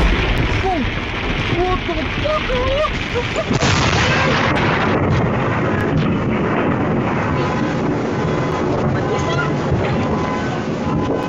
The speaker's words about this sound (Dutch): Het was een week vol zonnige dagen, maar dat veranderde vanmiddag met zware onweersbuien.